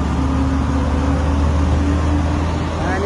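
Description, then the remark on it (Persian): A steady, loud low rumble of idling vehicle engines at the Khosravi border terminal fills the scene, with a constant mechanical hum and faint background activity, like a busy lot of parked trucks and cars. “این وضعیت پایانه مرز خسروی.”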